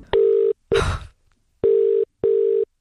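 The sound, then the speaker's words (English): A phone line with a steady electronic tone, a brief burst of clicking dial noise, then two evenly spaced ringing tones in a double-ring pattern, with no voices, as The Hits radio station phones a competition winner at home to give her the good news. “And she has said that we can call Lola and give her the good news.”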